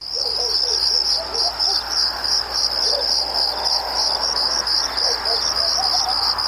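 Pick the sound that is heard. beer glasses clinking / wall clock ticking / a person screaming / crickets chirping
crickets chirping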